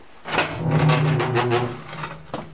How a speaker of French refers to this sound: Mais on ferme la porte. Et à la radio, on aime bien les bruits de porte.